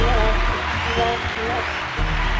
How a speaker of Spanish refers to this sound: Oye, voy a pedir un aplauso para James Clerk Maxwell, por favor, un aplauso fuerte, por favor.